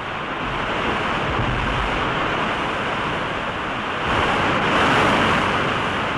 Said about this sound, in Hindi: ये देखिए, इस नदी पर ये पहला निर्झर है यानी जलप्रपात।